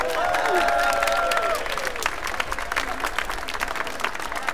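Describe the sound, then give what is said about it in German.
A crowd applauds the drummers at the front, dense clapping filling the space, with a few whistles and cheers rising over it at the start before the clapping carries on alone. “Super, ein Applaus für unsere Trommler vorne!”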